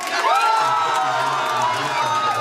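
A crowd cheers and whoops loudly and continuously, voices rising in excited shouts over a dense wall of noise, with a low hum running underneath, at the AfD election party in Schwerin after the party won the Mecklenburg-Vorpommern state election with 38.2%.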